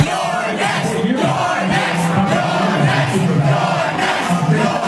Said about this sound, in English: That is the crowd of overwhelmingly young, white, high-income progressives chanting, "You're next," as Hakeem Jeffries comes on television.